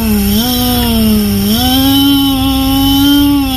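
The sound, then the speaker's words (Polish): A person imitates a petrol lawnmower engine with a loud, steady buzzing drone that holds for a few seconds and rises slightly in pitch partway through. “Można być też spalinową kosiarką”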